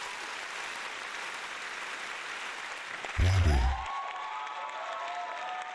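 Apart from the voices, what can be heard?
applause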